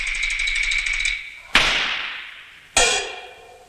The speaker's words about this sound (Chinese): 不管风吹雨打，暑热严寒，车载万斤重，马行千里远，稳坐车头一挥鞭子下。